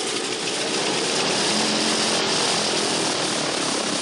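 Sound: propeller airplane engine running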